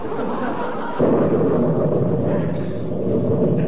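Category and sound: nature, thunderclap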